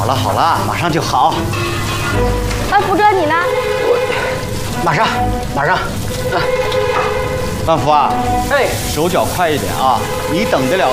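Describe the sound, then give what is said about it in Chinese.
Steady, loud sizzling with intermittent scraping as a cook, having just put the wok on the heat, stir-fries dishes in the hot wok, continuing throughout while voices chatter in the background. “我这刚上锅去，我马上炒菜了，把锅拿开呀。”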